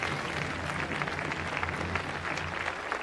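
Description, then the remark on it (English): An audience claps steadily for the Governor General, Madame Arbour, a dense, even patter of many hands that holds at a constant loud level for about three seconds with no voices standing out. “We began, and let's give her applause.”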